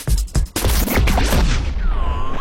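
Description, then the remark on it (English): A rapid barrage of loud fireworks explosions, booming and crackling in quick succession, with a whistling rocket rising and falling near the end; fireworks show of the Big Bang Boom celebration in Norfolk, Nebraska. “the biggest, loudest, and hottest fireworks show Norfolk has ever seen”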